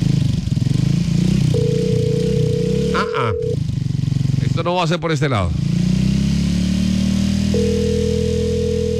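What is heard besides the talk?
motorcycle engine running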